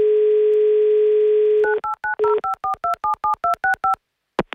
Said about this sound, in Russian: Набрали номер телефона